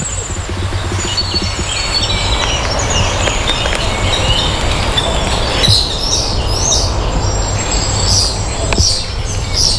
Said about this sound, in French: Là, j'ai entendu le coucou. Ah ouais. Mais c'est chouette d'habiter dans un parc.